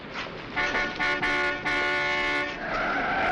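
A car skids with a loud, shrill tire screech that holds for about three seconds, rising in intensity partway through over a rumbling engine and road noise, with no one speaking, as it knocks a man down in the street.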